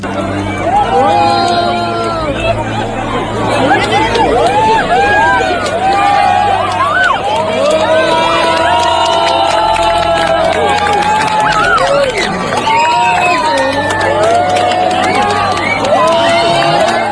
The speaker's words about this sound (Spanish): Un minuto de silencio para muchos, de aplausos para otros, de emoción y de gritos de alegría por todo el acontecimiento.